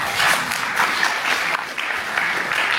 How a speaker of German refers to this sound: Applaus.